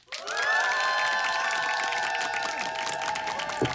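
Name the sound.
applause and cheering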